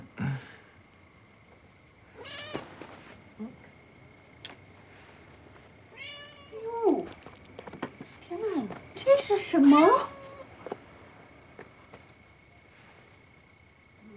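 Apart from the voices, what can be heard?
cat meowing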